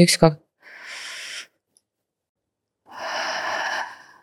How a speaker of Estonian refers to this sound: 5 sekundit on väga kaua. Hästi rahulikult pead. See on väga pikk aeg. Ühesõnaga, see on täiesti aegluubis hingamine.